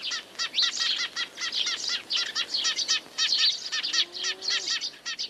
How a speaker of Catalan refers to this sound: Pardal xerrec. Passer montanus. Ocell que trobem al curs mig i al curs baix del riu, especialment a les zones del camp obert i de conreu.